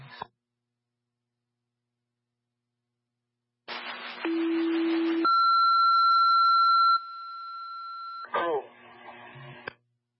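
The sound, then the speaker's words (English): Radio dispatch alert tones, the second tones at 12:45: a short low steady tone followed by a long, loud higher tone, set within bursts of static-laden radio transmission that sound like garbled chatter before and after. “Traffic clear second tones at 1245.”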